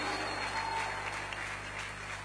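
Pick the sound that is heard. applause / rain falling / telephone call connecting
applause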